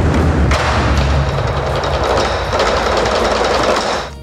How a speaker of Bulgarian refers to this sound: По време на композицията «Суан Тян» 8 големи китайски барабана звучат едновременно. Толкова мощен звук поставя на изпитание всяка концертна зала.